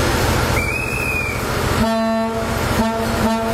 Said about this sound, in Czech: Historickou dieselovou soupravu Delfín můžete na českých kolejích potkat až do neděle, kdy se z Prahy bude vracet přes Liberec do Německa.